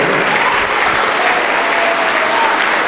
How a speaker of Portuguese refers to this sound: Vamos aplaudir ao Senhor Jesus por cada filho pródigo, por cada filha pródiga que está chegando.